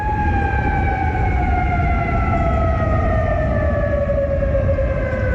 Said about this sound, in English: Those sirens heard across Kuwait City, where the military says it is actively intercepting incoming Iranian missiles and drones.